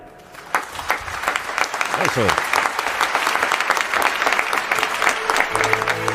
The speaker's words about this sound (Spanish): Un aplauso, por favor, para nuestros visitantes playeros que han cambiado el foco de nuestra función de hoy.